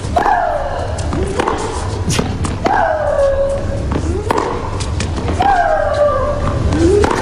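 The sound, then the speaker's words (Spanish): Tennis player Maria Sharapova's loud, drawn-out grunting shrieks, exhaling as she hits, three times at a steady rally pace, each falling in pitch and paired with a sharp racket-on-ball thwack over constant background noise. “esos gritos de María Sharapova, y es porque acompaña el golpe la exhalación.”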